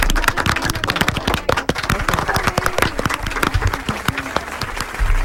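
A crowd breaks into sustained applause, dense overlapping claps at a steady, lively intensity for several seconds with no speech over it.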